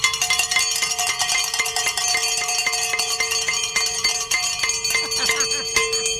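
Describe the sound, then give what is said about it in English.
A cowbell is struck rapidly and continuously for several seconds, its bright metallic clank repeating in a fast, uneven rhythm with a sustained ringing tone between hits. “I have rung this cowbell more times in the last 40 minutes.”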